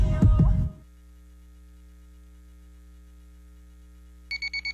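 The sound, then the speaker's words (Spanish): An alarm clock waking someone on a Monday beeps in a quick burst of four sharp electronic pulses at the end, following a loud, brief clatter and a steady low hum. “Pero qué buena alarma tengo.”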